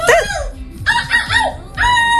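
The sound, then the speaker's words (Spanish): A young woman from Vigo, silver medallist in an international seagull-imitation contest, imitates a seagull's call: three loud, shrill, nasal squawks in quick bursts, each bending in pitch, with no other talk. “Pendiente de otras cosas, porque tenemos a una joven viguesa que ha ganado la medalla de plata en un concurso internacional de imitación de gaviotas.”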